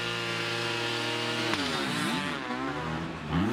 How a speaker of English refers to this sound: And this is interesting because it is two-stroke against four. They're both 250cc engines. The four-stroke, very controllable power. The two-stroke, very explosive.